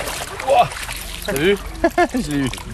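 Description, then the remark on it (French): Water splashes and rushes steadily in the shallow Pignoles stream in Puy-de-Dôme, France, as people wade up it with staff of the Puy-de-Dôme fishing federation doing electric fishing at very low water levels, while voices talk intermittently over the watery background. “Je remonte le ruisseau de Pignoles en compagnie du personnel de la fédération de pêche du Puy-de-Dôme.”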